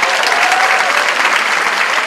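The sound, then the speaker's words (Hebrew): An audience claps steadily for an elderly man, a dense, even wash of many hands with no pauses, loud throughout, with no one speaking over it. “איפה כפיים?”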